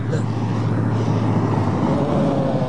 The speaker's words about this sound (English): Truck. See the truck?